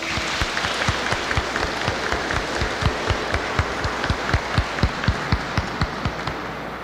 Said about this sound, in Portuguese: Saudemos a palavra com uma salva de palmas.